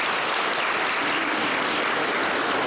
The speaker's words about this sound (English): And I'm very happy to mention that this SORA of 2026 is mainly dominated by the young people. I want us to give them a round of applause.